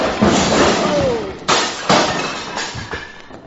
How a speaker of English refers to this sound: The way you're hitting him, he's going to fall against the bar and upset those beautiful bottles... Oh.